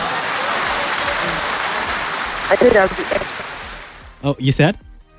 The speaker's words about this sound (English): That was a good one. So a round of applause for you for the attempt.